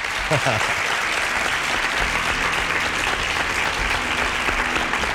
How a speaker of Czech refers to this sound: já vám musím zatleskat.